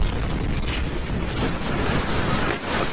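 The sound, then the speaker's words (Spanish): A loud, continuous roar of an explosion at a military barracks in the city of Viacha, in a sector of the base used for training and weapons repair: a dense rumbling blast that fills the whole stretch with no pause and no voices, like booming mixed with wind. “Este era el momento de la explosión, cuyas causas todavía se desconocen.”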